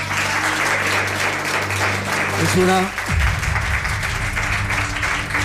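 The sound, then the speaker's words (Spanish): An audience applauds steadily and loudly for the whole stretch, welcoming guest Álvaro Martín, journalist and writer, a dense crackle of many hands clapping, with a brief voice and some tonal background sounds underneath. “Nos pide un aplauso para él.”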